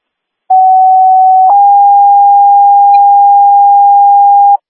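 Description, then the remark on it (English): A dispatch radio paging tone paging the Virginia ambulance for an ALS response to a 74-year-old male not breathing: a loud, steady pure tone holds for about a second, then shifts to a slightly lower pitch and sustains for roughly three more seconds before cutting off. “Acknowledging that page, rig one will be assigned, and can you page Virginia for ALS?”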